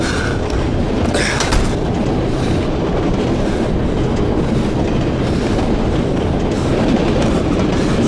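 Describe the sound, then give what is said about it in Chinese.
A train rolls along the rails with a loud, steady rumble and a continuous rattling clatter of wheels, heard from on board, with no voices. “一会儿火车减速的时候就跳下去，不管到哪一站都下。”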